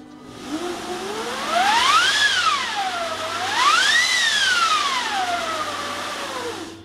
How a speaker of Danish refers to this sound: The Winds of Hell, helvedes vinde, kommer et par gange i første sats, og det er, ja, det er fantastisk at spille på vindmaskinen.